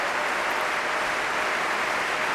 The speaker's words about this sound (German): Sie hören den Jubel.